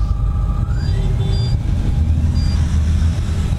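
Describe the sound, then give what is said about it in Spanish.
A steady roar of street traffic with engines rumbling, a low vehicle drone filling the background and faint tonal beeps cutting through now and then. “pero yo no me veo, hermano, parando el carro en pleno tráfico y llegando a mí, ni tampoco llego a ver a ninguno de mis compañeros, pues.”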